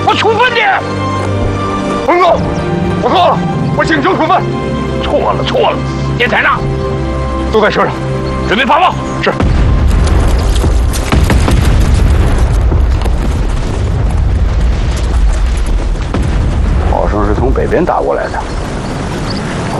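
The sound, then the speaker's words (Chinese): Deep, rumbling artillery booms coming from the north roll in continuously and loudly, building into a dense low roar in the second half, with people talking over the barrage. “炮声是从北边打过来的，难道敌人绕到我们后边去了？”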